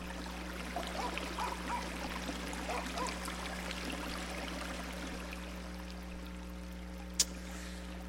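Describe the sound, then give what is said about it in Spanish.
Creek water flows and burbles steadily throughout at moderate volume, with a constant low hum underneath and a single sharp click near the end. “nos fuimos para el arroyo a cortar chilacayotas.”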